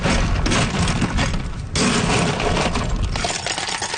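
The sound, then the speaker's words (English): Ice being scooped into a cup holding a blue raspberry drink: a loud, continuous rattle of cubes clattering and crunching, with a brief pause partway through before the scraping and tumbling resume. No one speaks. “So now I'll ice it, fill it up.”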